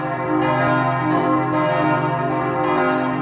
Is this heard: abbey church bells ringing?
yes